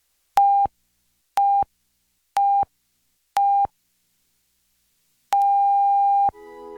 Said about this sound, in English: The National Research Council official time signal. The beginning of the long dash indicates exactly 1 o'clock Eastern Daylight Saving Time.